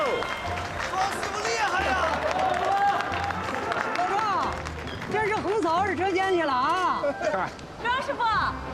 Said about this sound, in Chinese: 哎，庄师傅来了，快快快快！ 哎， 快鼓掌啊！